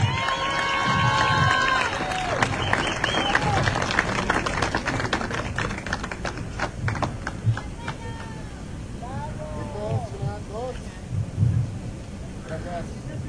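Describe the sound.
A crowd at an awards ceremony applauds those who received awards, with steady, dense clapping that is loud at first and thins out toward the end, mixed with voices and some brief tonal sounds.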